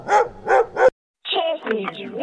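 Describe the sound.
A dog barks three times in quick, even succession, loud, then after a brief pause a person starts talking.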